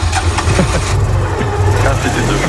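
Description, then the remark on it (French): A Citroën 2CV car engine runs steadily, a loud low rumble with a slightly uneven, chugging texture throughout, and no clear speech over it. “C'est une de chaud et vous savez pourquoi j'ai passé ce bruitage?”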